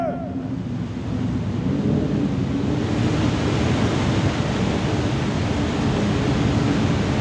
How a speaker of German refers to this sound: Das Meer bebt! Sieh die Wellen! Das Meer tut sich auf!